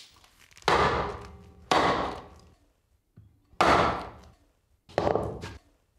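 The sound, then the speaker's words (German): A shingle iron is hammered into a wooden blank to split it into shingles, splitting from the middle: four loud, sharp blows with cracking, splitting decay, spaced about a second apart, plus a softer knock between them. No talking. “Wenn ich das Schindeleisen ansetze, durch den ersten Schlag geht es eigentlich schon zur Hälfte rein ins Holz.”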